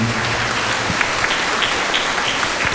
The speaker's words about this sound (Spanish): Agradecer a los niños de la Escuela Corazón de María, sus estudiantes, maestros, hermanas oblatas, por su buena participación. A los niños que nos honraron con su presencia, un aplauso de gratitud.